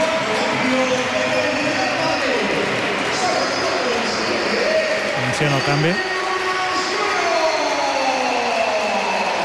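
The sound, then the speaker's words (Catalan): A large stadium crowd in Madrid applauds and roars steadily as Vinícius is substituted off during a 4-1 football match, a dense wash of noise filling the whole stretch, while a commentator talks over it. “Aplaudiments.”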